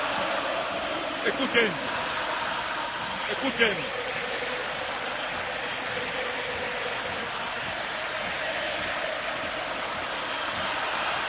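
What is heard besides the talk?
football stadium crowd cheering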